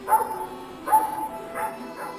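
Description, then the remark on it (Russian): A dog barks about four times in quick, slightly uneven succession, sharp, with no other sounds around it. “Залаяла собака.”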